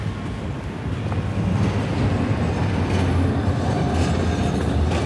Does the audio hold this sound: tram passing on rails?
yes